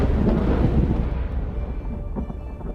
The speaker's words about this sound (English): Storms.